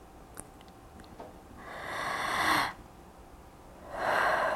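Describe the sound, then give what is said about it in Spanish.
Two long, deep breaths through the mouth, each a forceful, airy rush lasting about a second, with a quiet pause between them and no talking. “Pues respiración profunda por la boca. Profunda, eso es todo.”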